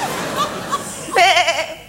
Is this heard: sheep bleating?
yes